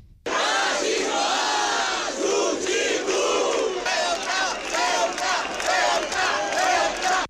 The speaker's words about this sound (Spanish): Con gritos cruzados, por un lado, en favor de Ceuta, por otro, contra el racismo y el fascismo.